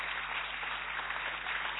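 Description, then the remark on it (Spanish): A crowd applauding Alejandro Dolina: dense, even clapping that holds a steady level throughout the short clip, with no voices over it. “Un fuerte aplauso para Alejandro Dolina.”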